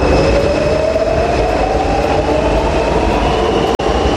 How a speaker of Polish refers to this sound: A dzisiaj jesteśmy w metrze? No tak, właśnie to mnie skłoniło do tego, żeby metrem się przejechać, bo tego na co dzień nie robię, tak.